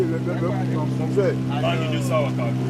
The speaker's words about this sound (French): Le moteur, c'est 15 chevaux. Un seul moteur. Un seul moteur, oui. Le moteur est sur la pirogue tout derrière. Oui, ça reste toujours derrière.